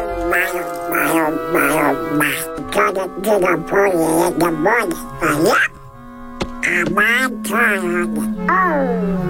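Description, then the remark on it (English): A person speaks in a buzzy, garbled Donald Duck voice impression, a continuous stream of quacking, unintelligible syllables delivered loud for several seconds with only brief pauses. “Yeah, okay, Donald Duck.”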